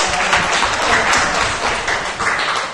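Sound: audience clapping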